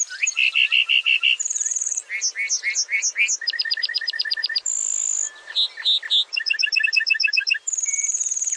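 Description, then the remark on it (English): A male lark bunting sings while flying back down to earth, a long, complex song alternating rapid trills, clear high whistles and buzzy phrases in quick succession, loud with no voices. “Flying back to earth, the bunting belts out a complex series of trills, whistles, and buzzy phrases.”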